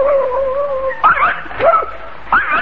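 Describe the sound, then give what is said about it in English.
A dog whimpers, a thin sustained whine that breaks into three sharp, high yips spaced about half a second apart, with no one speaking. “fine watchdog you are, Psyche. You bark at a non-existent postman, then fail to hear the car”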